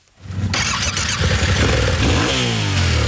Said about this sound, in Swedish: Här har vi en motorcykel. En 700 kubik. Den har packboxar för att vi ska få med oss grejer.